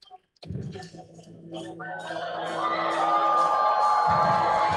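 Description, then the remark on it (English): The ballpark crowd at Nat Bailey breaks into applause and cheers after a brief pause as Smith, hit by a pitch, jogs to first base; the noise swells steadily and stays loud and sustained to the end, with a few sustained tones ringing through it. “He's going to jog it out to first base and get an applause from the Nat Bailey faithful.”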